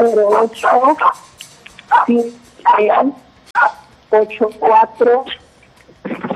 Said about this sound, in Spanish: Dile que se calle un ratito el perrito, por favor.